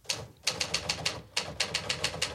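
Quick, steady typewriter keystrokes clack in two bursts with a brief pause between, each strike crisp and close, with no voices over the mechanical rhythm.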